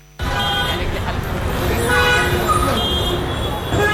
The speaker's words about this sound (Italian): A Mumbai il traffico non fa da sfondo, ti viene addosso. Clacson continui, motorini che si infilano ovunque, autobus, voci, frenate. Siamo a Colaba, nel sud della città, e in mezzo a questo frastuono